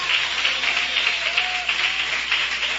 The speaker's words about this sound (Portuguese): Podeis assentar, meus irmãos, e louva a Jesus com aquelas palmas bem forte e bem alegre em nome de Jesus.